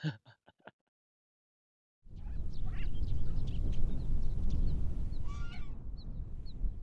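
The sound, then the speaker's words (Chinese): A quick run of sharp quacks opens, then a brief silence gives way to loud, rough rustling like flapping wings, with a few nasal honking calls breaking through near the end, as the bird Guoguo, just carried back into a sheep pen, flaps its wings and calls. “然后我又给抱回羊圈里，估计也是有点生气了嘛，一进羊圈里就开始扇翅膀，然后嘎嘎嘎一直叫。”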